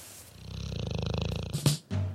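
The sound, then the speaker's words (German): A dog snores in its dog bed with a steady, rattling buzz of breath, followed by a brief snort and a short shuffling noise near the end. “Hören uns aber erstmal auf der Straße oder im Hundekörbchen um.”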